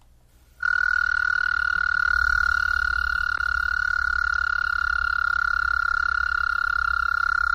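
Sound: american toad trilling call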